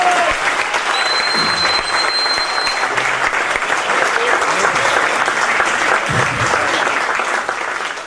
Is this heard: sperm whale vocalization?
no